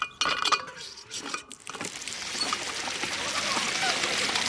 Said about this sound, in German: Eine Wasserpumpe und ein Wasserspiel im Stuttgarter Klingenbachpark machen nicht nur den Kindern beim Spielen Spaß, sondern sorgen auch für eine willkommene Abkühlung.